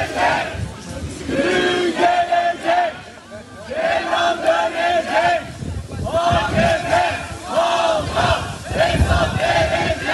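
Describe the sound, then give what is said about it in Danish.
A crowd outside a courtroom in Turkey shouts and chants over the day's verdict in loud, rhythmic bursts, many voices rising together in repeated cries with brief dips between them, continuing steadily throughout. “Vi kan lige prøve at høre lidt af stemningen uden for retssalen i forbindelse med dagens dom, for det var en stor historie i Tyrkiet.”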